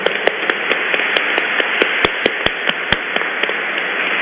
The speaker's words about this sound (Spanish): Un aplauso para Monseñor Benito Vázquez.